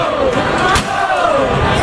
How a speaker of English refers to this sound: Somebody else picks up the scooter and starts banging on the bus, too. The school bus, by the way, was meant to take FIFA soccer fans to and from the Meadowlands. It was parked on the New York City street